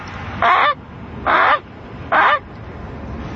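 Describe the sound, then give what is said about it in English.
Three loud, evenly spaced honks, each a short nasal blast with a bending pitch, voiced by a person imitating a Canada goose, standing out clearly over a low background hum. “The Canada goose.”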